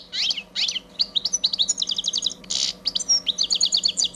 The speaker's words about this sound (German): den Stieglitz.